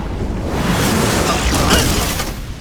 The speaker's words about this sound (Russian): Дурак, на этот раз простая взрывчатка.